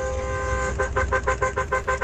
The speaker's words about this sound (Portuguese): Ó, 4h34 da manhã, o povo buzinando. Povo maluco, hein? Esse é o povo maluco da madrugada, gente. É o Band Coruja no ar. É o povo que buzina mesmo.